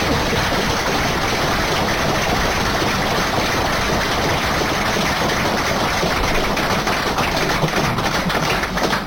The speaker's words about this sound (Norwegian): Så en stor applaus på det, for det er kjempevist.